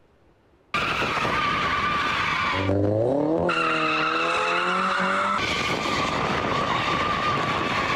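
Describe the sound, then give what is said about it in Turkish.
Tires screech loudly and continuously as cars drift in Ankara, Turkey, with a rising engine roar joining midway, sustained over several seconds with no talking. “Ankara'da araçlarıyla drift atan 11 kişi yakalandı.”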